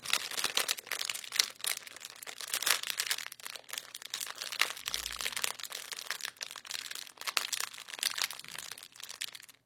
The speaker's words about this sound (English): to please play that sound clue again for us of the fire crackling so we can see if we can have a guess at what it is you're using to create that sound.